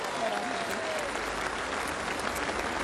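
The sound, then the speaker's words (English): A crowd at an AFL parade presentation applauds Premiership Cup ambassador Luke Hodge steadily, a dense wash of many hands clapping at an even, fairly loud level for a few seconds, with a faint tonal whistle-like sound early on. “Please, a round of applause for our Premiership Cup ambassador.”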